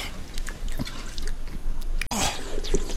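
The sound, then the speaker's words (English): Liquid sounds of water sloshing and gurgling from a canteen, with wet drips and squishes, a sharp click about two-thirds through, then a fuller gush of water. “Do you have water? Yes. My canteen ran out yesterday. Here, my canteen.”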